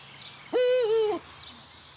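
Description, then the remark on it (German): A single Eurasian eagle-owl hoot, one drawn-out, harmonically rich call lasting just over half a second, standing out clearly against a quiet outdoor background. “Hoffen wir also im nächsten Jahr wieder auf Uhu-Nachwuchs.”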